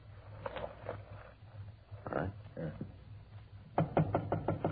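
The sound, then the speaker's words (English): Police officers knock on the door of apartment number 408: a few scattered raps, then a loud, rapid run of five or six sharp knocks near the end, over a low steady hum. “I get the door.”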